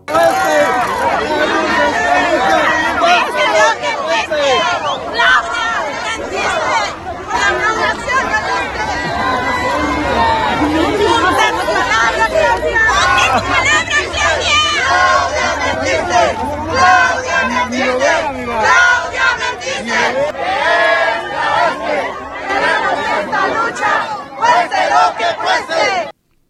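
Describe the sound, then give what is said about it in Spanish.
A large crowd of protesters, including families, searching mothers and CNTE teachers, shouts and chants at the president's arrival in San Quintín, Baja California. It is a dense, loud wall of overlapping voices with rhythmic bursts of yelling throughout. “Cientos de manifestantes acusaron a la presidenta de que les mintió.”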